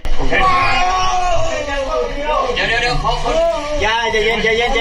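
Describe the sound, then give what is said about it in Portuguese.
A trapped miner screams and cries out in strained, wavering bursts as two rescuers try to pull him out of a narrow, flooded cave in Laos, loud, with other voices shouting around him in an echoing space. “Dois socorristas tentam puxar um dos homens que grita.”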